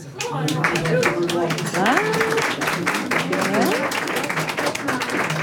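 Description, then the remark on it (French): An assembly audience claps steadily and loudly for several seconds, voting by applause for leaving the wolf alone, the dense crackle of many hands mixed with scattered voices and a few shouts rising from the crowd. “Qui est pour qu'on foute la paix au loup ? Par applaudissement.”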